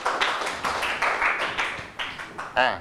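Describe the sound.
A group of students in a classroom lesson claps for classmates who all answered correctly, a dense, uneven patter of many hands with bursts of louder clapping, ending with a short raised voice.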